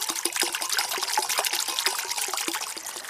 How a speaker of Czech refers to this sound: Takhle krásně tady žbluňká nebo zurčí voda, je tady takový kovový mlýnek a my už jsme na bohlibém místě. Nacházíme se v lesích Maternice, je to nedaleko Hronova.